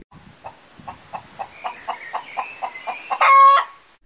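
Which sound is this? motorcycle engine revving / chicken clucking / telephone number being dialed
chicken clucking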